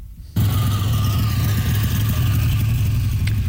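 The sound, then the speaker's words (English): A classic car engine cuts in abruptly and idles, a steady, deep rumble that holds evenly to the end with no voices. “Coffee shop and fast food parking lots right across this country fill up this time of year with classic and collector cars.”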